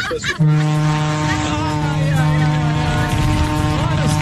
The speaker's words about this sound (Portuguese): Olha a buzinona do maluco.